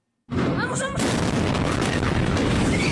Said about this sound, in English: This was the moment when an explosion ripped through an army base in the Bolivian city of Viacha. Officials say the blast happened when a fireworks stockpile in the artillery regiment's building exploded. The exact cause is yet to be determined.